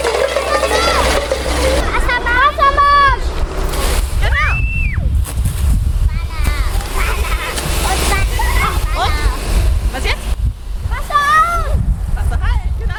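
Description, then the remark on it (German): A steady, loud rushing hiss of water sprays from a fire hose throughout, during a kindergarten fire safety lesson with the volunteer fire brigade in Weißenborn, while several high-pitched preschool children's voices call out and chatter over it. “Wassermarsch. Genau, zweites Vorwassermarsch. Ne? Und jetzt aufdrehen.”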